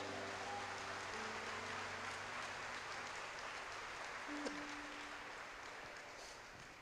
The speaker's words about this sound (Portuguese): Será que tem alguém vivo aqui para dar uma glória a Deus? Então aplauda o Messias.